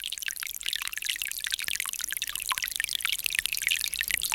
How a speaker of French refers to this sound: Aujourd'hui, on peut dire que c'est une bonne petite pluie. Ah, parce qu'elle pénètre tranquille dans la terre.